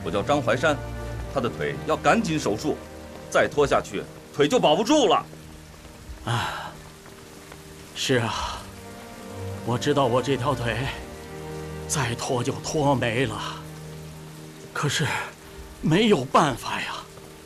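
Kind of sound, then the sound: nature, rain falling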